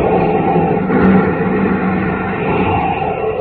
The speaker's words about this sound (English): As roaring rockets blast off to distant planets and far-flung stars, we take you to the age of the conquest of space with Tom Corbett!